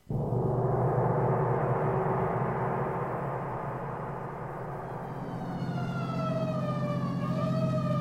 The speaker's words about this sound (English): Hey, where are you turning? The alarm's at Pine Street, isn't it? Oh, yes, of course. So why the siren? The only traffic out here is on horseback.